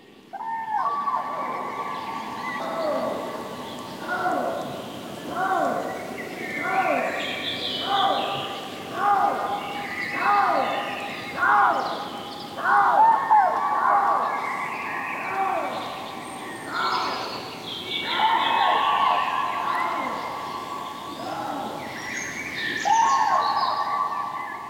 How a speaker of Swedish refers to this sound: Och här är en häftig kombination som man kan få höra i Siggeforaområdet utanför Uppsala. Trana och lodjur.